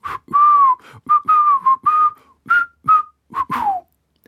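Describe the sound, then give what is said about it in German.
A person whistles a short, lilting tune to sum up results, a series of clear pitched notes in quick phrases with brief gaps, rising and falling, ending on a downward slide. “Magst du mal versuchen, unsere Ergebnisse nicht zusammen zu fassen, sondern zusammen zu pfeifen?”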